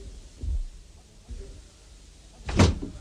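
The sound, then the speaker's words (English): A door opening: a couple of soft, low thuds followed by a sharper clack of the latch near the end, fairly quiet overall with no voices. “Oh, shut the door”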